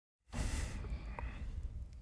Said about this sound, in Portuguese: Vai. Até se ouviu a minha respiração. Parece-me mal.